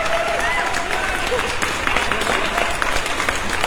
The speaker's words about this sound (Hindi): Congratulation sir, जोरदार तालियां आपके लिए आज की सुबह।